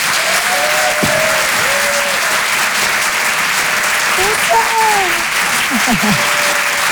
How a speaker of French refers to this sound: Et je vous demande un tonnerre d'applaudissements, s'il vous plaît